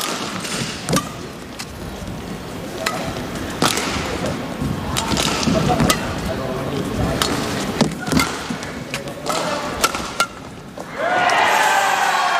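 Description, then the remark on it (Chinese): Sharp racket cracks on a shuttlecock ring out every second or so in a fast badminton match rally over an arena's steady murmur, ending with a smash that lands on the sideline as the crowd swells into a loud roar. “这一拍球杀过去，球没走，还是偏高了一些。”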